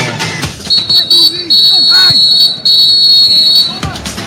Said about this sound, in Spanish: El árbitro da la orden, suena el pitazo y dice que el partido en la segunda parte, en la primera parte de extra, ya arrancó.